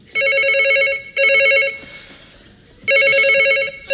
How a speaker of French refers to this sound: Téléphone. J'entends.